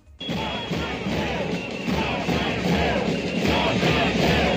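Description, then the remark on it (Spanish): A large crowd of thousands of protesters in green T-shirts outside the regional education ministry (consellería) shouts the slogan "no sal seu" together, a dense, loud wall of many voices that starts abruptly and keeps going steadily, rising slightly in intensity toward the end. “Mientras, en el exterior de la consellería, otra vez miles de camisetas verdes y ese grito que escuchas, esa consigna, no sal seu.”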